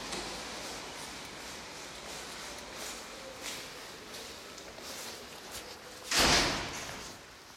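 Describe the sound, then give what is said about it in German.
A wooden door at the building at Oranienstraße 45, between Oranienplatz and Moritzplatz, opened after entering a code, closes with one solid thud near the end, after several seconds of steady quiet hiss and faint rustling. No one speaks. “Jetzt bin ich vor einer Holztür und muss nochmal einen Code eingeben. Okay, und durch.”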